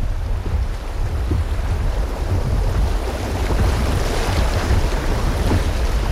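rushing river water

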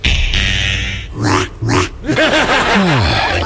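piglets oinking

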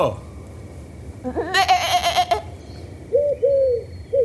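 sheep bleating

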